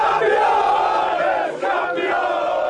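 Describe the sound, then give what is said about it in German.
A large crowd of Stahnsdorf football fans roars and cheers as their club wins the Oberliga Süd championship, a sustained, loud wall of voices, with chanting shouts rising above the din and a brief dip before the roar surges again. “So jubelt ein Meister.”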